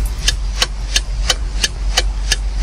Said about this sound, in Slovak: Nie sú to moje biologické hodiny, viete, čo to je? Smerovka? Smerovky, áno, sú to smerovky, ktoré niektorí vodiči nepovažujú za dôležité používať v bežnej doprave.